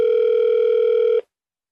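A single steady electronic telephone ringing tone from a call to Lin Zonghui's phone that does not get through, a clear, even beep held for just over a second before cutting off into silence, with no one picking up.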